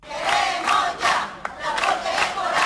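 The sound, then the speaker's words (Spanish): A large protest crowd chants loudly in unison, voices rising and falling in a steady rhythmic pattern of repeated shouted phrases, with one brief sharp clap or knock partway through. It is a protest outside the Education department, demanding school transport for all children. “Una concentración que comenzaba a las 10 de la mañana y que tenía un grito unánime.”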